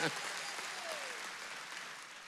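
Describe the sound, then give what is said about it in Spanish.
A steady wash of applause from a church audience fills the whole moment, dense and even, with a faint tonal sweep passing briefly through the middle. “Este aplauso creo que puede ser un poco más dinámico, ¿cierto?”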